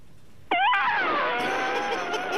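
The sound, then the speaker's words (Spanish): A person's voice imitates an elephant's trumpet: one loud, brassy, sustained blare that starts abruptly, holds for about two seconds and slowly sinks in pitch, with a raspy, breathy edge. “Mira, va el elefante.”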